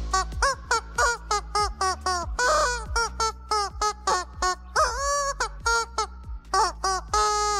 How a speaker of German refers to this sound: Das verrückte Huhn ist so ein Hundespielzeug. Hier so ein Gummiding, das lustige Geräusche macht, wenn der Hund drauf rumkaut.